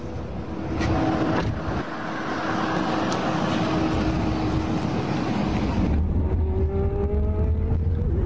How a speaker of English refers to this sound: So this is the world of autonomous driving, driverless cars. This is a Waymo. This is the vehicle I'm in. I'm going to arrive in 21 minutes. I'm taking a pretty long ride from the airport, from the Tampa airport to downtown Tampa